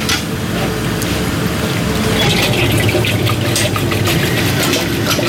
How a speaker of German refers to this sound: Also wir tun das jetzt in die Eismaschine rein. Die Eismaschine kühlt das Eis dann runter, macht die Bindung. Das kommt jetzt in die Maschine.